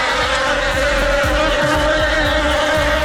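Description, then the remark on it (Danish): A steady, dense, loud buzzing of wasps or bees, droning continuously for a few seconds with a wavering pitch as if several insects hover. No voices. “Åh nej, vipse eller bier, jeg kan ikke helt huske, hvad der er hvad, men det er nok den værste frygt i mit liv overhovedet.”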